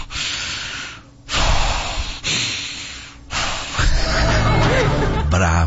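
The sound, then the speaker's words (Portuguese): A person loudly imitates a wife's heavy, angry breathing with several forceful, noisy huffs and snorts in quick succession, some rough and voiced. “Provavelmente ela está respirando assim, ó.”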